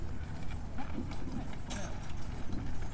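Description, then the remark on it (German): Hooves of an ox team pulling an old farm wagon clop past in a steady, uneven rhythm of moderate loudness, with low voices murmuring in the background. “Da kommt das Gespann mit den Bullen, also oder den Ochsen.”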